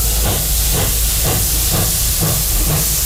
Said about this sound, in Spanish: La verdad es que este tren es un poco como de vapor, ¿no?